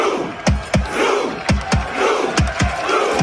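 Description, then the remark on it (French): Hundreds of Norwegian football supporters at the World Cup, seated in the streets and miming Vikings rowing their drakkar, chant in unison, rhythmic shouted calls, each sharp burst followed by a deep thud, repeating steadily about every half second over a constant crowd roar. “C'est l'une des attractions de cette Coupe du Monde, ces centaines de supporters norvégiens assis dans les rues et qui miment les Vikings ramant dans leur dracard.”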